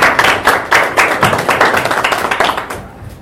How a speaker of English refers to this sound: Please, let's put our hands together and introduce Professor Nancy Mukka to tell us why we're here and start us. Please, applaud.